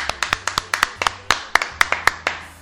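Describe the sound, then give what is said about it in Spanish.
Sparse applause from a small group for the winner of the last prize in a small activity on a programme: sharp, bright hand claps in a quick, fairly even rhythm, about fifteen over a couple of seconds, with no voices on top. “Bueno, pues fuertes aplausos.”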